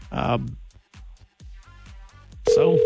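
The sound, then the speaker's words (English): Voices talk briefly, then a loud, steady electronic telephone ring tone cuts in near the end, the sound of an outgoing call ringing on the other line, placed on a Friday morning to give someone good news. “Answer your phone”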